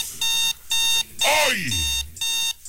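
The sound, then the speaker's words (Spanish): An electronic alarm clock rings loud in a steady train of bright, buzzy beeps, about five bursts in under three seconds, with a voice briefly heard in the middle. “Oye, ahora sí oí la alarma.”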